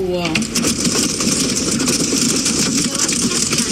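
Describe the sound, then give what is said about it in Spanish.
A thunderstorm in the province of Tarragona, Catalonia, Spain: strong wind with gusts up to 100 km/h and heavy rain form a loud, steady, dense roar that holds unbroken throughout, with a brief tonal voice-like sound at the very start and no distinct thunderclap. “Sonido recogido en la provincia de Tarragona, la más perjudicada, con dos fuertes tormentas que han dejado 90 litros por metro cuadrado en solo tres horas y rachas de viento de 100 kilómetros por hora.”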